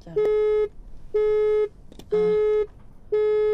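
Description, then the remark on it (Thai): A phone line's disconnect tone during a radio program after the call line dropped: four steady, mid-pitched beeps, each about half a second long and spaced evenly one second apart, clear and fairly loud with faint background noise between them. “ขออภัยน้ำเพิ่นมีรายการเป็นแล้วได้สายลุดไป”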